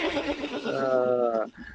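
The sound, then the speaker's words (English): A person imitates a horse whinny: a short, loud, quavering vocal neigh with a shaky, wavering pitch that trails off abruptly after about a second and a half. “quick quiz question, horse or human?”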